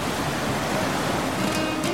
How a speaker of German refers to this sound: Ich hoffe, ich erzeuge damit bunte Bilder im Kopf, wenn ich euch erzähle, dass ich auf einem schönen Boot sitze, in das blaue Meer schaue, im Hintergrund das Rauschen des Meeres zu hören ist.